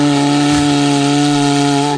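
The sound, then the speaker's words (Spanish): A cuerno bocinero horn is blown by vibrating the lips, in one long, steady, low blast with a buzzy, lowing tone like a cow's moo, loud and unbroken for about two seconds before it cuts off. “Que bueno, que el caso, que si alguien quiere hacer una demostración de cómo se toca el cuerno bocinero dignamente”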